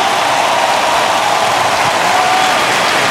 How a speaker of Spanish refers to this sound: un minuto dando gritos de júbilo en honor a Jesús. El sonido de libertad.